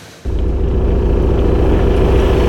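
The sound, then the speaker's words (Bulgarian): A loud, steady low rumble of a heavy truck engine starts abruptly and keeps droning, with a deep throbbing motor tone and no voices; heavy trucks hauling aggregate materials from a nearby quarry pass through the village of Ognyanovo in Pazardzhik region, Bulgaria. “Десетилетия камионите извозват инертни материали от близката кариера.”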